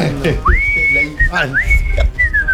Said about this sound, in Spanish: sabe chiflar, ¿no?